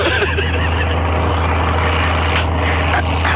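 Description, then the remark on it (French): A loud, steady engine roar with a deep low hum as an airplane gathers speed for takeoff, heard continuously with some faint chatter underneath. “L'avion prend son élan maintenant.”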